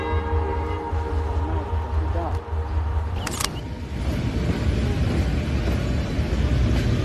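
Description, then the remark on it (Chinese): A train pulls away: a deep, steady engine rumble with a droning tone, a sharp metallic clank partway through, then rising wheel clatter as it gathers motion. “这个这边这个火车走掉以后呢，90分钟以后它将通过仁子桥。”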